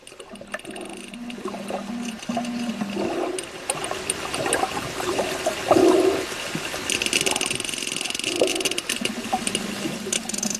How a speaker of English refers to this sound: Here's a little bit of sound of sperm whale.